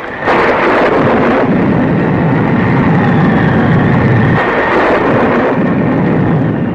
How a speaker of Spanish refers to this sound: El cielo se iluminaba con relámpagos cegadores y la lluvia azotaba la selva con viento huracanado.